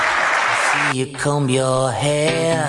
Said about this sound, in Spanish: Bueno, no surgió espontáneamente el aplauso y lo pidió.